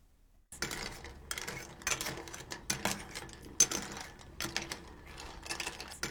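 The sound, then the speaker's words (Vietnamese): Clams clink and rattle against the sides of a metal pot as miso soup with clams is gently stirred, a steady series of clattering knocks and scrapes with no voices. “Sau khi hỗn hợp tương hòa với nước thì đổ vào nồi và quấy nhẹ tay sao cho ngao không bị rời ra khỏi vỏ.”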